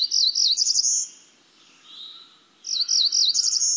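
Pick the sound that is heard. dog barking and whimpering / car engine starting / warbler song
warbler song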